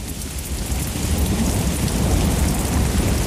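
A steady thunderstorm with dense rain hissing down and a deep, continuous rumble of thunder underneath, loud, with no voices.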